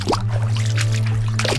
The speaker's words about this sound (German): Und dann haben wir es von denen, die mit blutten Füßen im Storchenschritt durch das kalte Wasser staben. Das Kneipen ist zwar etwas aus der Mode gekommen, wird aber gäng noch mit Leidenschaft praktiziert.